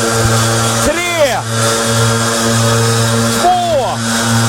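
Leaf blowers, used to propel riders on longboards in a 100-metre race along a sidewalk, drone steadily with a buzzing, harmonic engine tone, and twice the pitch swoops up and back down as the motors are revved.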